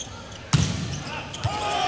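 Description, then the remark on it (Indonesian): A volleyball is spiked successfully in an Indonesian volleyball match, one loud, sharp smack followed about a second later by a softer thud, over steady crowd noise and voices. “berhasil pukulan dari Afin Rinata”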